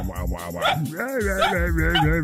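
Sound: dog barking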